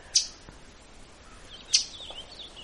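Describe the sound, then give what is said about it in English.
Two sharp, high, loud chip notes from a northern waterthrush, a warbler migrating through, spaced more than a second apart, ring out clearly against a quiet outdoor background on a windless morning. “What I'm watching is a northern water thrush.”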